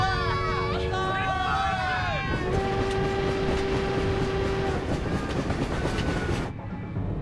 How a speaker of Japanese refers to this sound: 機関長、南京始発の役人専用列車はあと15分ほどに駅着いた。